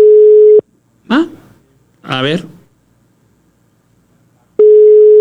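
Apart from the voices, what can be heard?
telephone line tone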